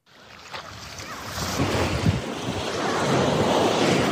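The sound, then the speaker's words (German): Ocean waves roll onto the beach of Bousnika, Morocco, in a steady, broad wash of surf that swells louder over a few seconds, with some wind rumble buffeting the microphone. “Wellen rollen an den Strand von Bousnika.”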